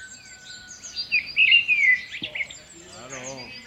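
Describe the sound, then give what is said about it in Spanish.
Birds chirp and trill in quick, bright bursts, several overlapping calls, followed by a brief low thump and a short stretch of voice-like sound near the end. “Nah, a mí los pajarinos y cosas así.”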